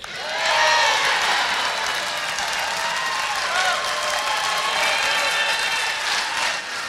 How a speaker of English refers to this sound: Then, the biggest applause of the night comes with this promise. Let me tell you how simple it is. I'm going to bring back plastic bags.